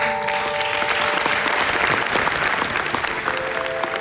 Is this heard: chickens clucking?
no